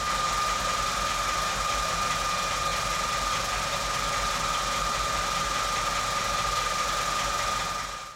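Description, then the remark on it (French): A car engine idles steadily as the car is parked, a continuous rumbling hum with a faint mechanical whine running through it, unchanging for the whole stretch and with no voices. “Tu sais, avec mon papa, on a garé la voiture de maman et de papa. Il y avait beaucoup de bruit, il y avait ce bruit-là.”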